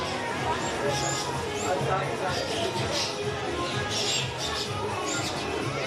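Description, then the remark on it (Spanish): Many parrots screech and call over each other in a dense, continuous racket, with shrill, high squawks bursting out every second or so above a steady wash of chatter; the parrots are in a house used as storage by fruit vendors in Peru. “Mientras conversábamos, empezamos a escuchar gritos y cantos de varios loros.”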